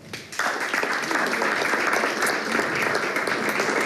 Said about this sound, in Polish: poproszę brawa.